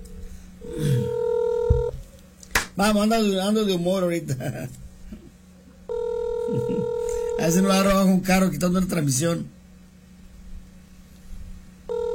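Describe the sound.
An outgoing call's ringback tone sounds twice, each a steady mid-pitched buzz lasting over a second, about five seconds apart, with a voice speaking or singing loudly in between.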